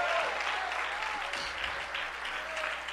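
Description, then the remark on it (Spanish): A crowd applauding the Lord steadily during a sermon, a dense wash of many hands clapping at a constant, fairly loud level for the whole stretch, with a few faint voices mixed in. “Dale tu mejor aplauso. aplauso esta noche.”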